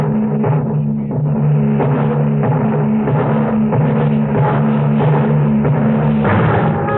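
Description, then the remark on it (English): Heavy, big-bellied transport plane engines roar steadily in a loud, continuous drone with a low humming pitch, swelling slightly as they rev, while the loaded planes move out on hard sand and lift slowly into the air heading south, with no voices. “And soon the first big-bellied ships waddled out on the hard sands and lifted slowly into the air, headed back to the south, flying over the trail of dead and dying”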